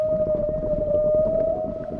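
Whales sing underwater in a long, steady tonal call that holds one pitch, over a dense, rumbling low-frequency wash of ocean noise.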